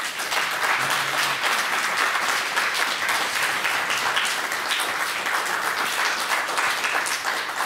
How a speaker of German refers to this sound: Das ist Ihr Applaus.